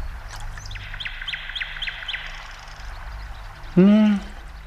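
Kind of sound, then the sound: bird, nightingale singing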